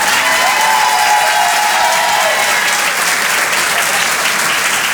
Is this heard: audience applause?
yes